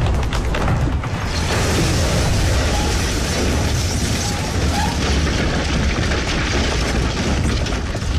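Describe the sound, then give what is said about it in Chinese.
A landmine planted by departing guerrillas explodes with a deep, heavy boom, followed by a dense, loud roar of rumbling debris and noise that fills the whole stretch without fading. “一声轰响，游击队员们临走时安放的地雷爆炸了，冲上去的宪兵们立刻被炸得是四分五裂。”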